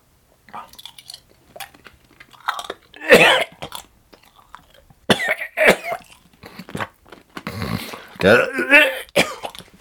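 Crunching and chewing of a whole snail in its shell, with loud crackling bursts of the hard, brittle shell breaking between teeth, interspersed with mouth noises and a brief throat-clearing sound.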